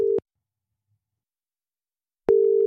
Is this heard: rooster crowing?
no